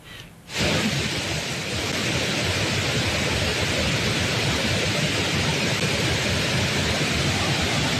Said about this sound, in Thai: คุณผู้ชมครับสภาพน้ำป่าที่ไหลหลากบริเวณน้ำตกแม่สาในพื้นที่อุทยานแห่งชาติดอยสุเทพปุยจากฝนตกหนักในพื้นที่จังหวัดเชียงใหม่